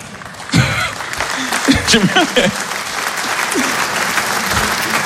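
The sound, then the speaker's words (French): An audience bursts into applause, a dense, steady wash of clapping that holds to the end, with a few voices calling out over it in the first seconds. “Il y a des gens qui applaudissent comme s'ils militaient.”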